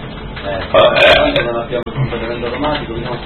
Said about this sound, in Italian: Devo ruttare il mio orgoglio di vittoria.